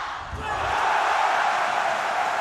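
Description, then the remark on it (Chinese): A large arena home crowd at a table tennis match between Fan Zhendong and Lebrun erupts in loud cheering and shouting after a point is won, swelling within the first half-second into a dense, sustained roar that holds steady to the end. “大家可以听到啊，这个是东道主的一些主场优势，拿下一分之后，全场会爆发出这种欢呼声。”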